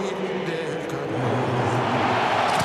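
Two helicopters carrying a giant Mexican flag fly over the Estadio Azteca, a steady loud droning roar with a low humming engine tone running through a broad wash of noise for the whole stretch.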